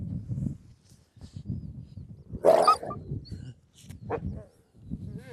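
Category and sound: animal, wolf vocalizing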